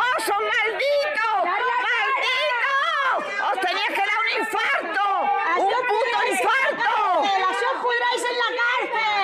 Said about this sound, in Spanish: Así gritaban esta mañana los vecinos de Hornachos, gritos con los que una localidad llena de dolor e indignación recibía a los dos hermanos detenidos por el asesinato de Francisca Cadenas, que han regresado al municipio